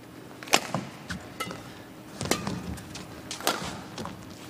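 Badminton rackets smack a shuttlecock back and forth in a quick match rally with a drop shot and a smash return: about half a dozen crisp, sharp hits at an uneven pace, moderately loud against a low ambient hum.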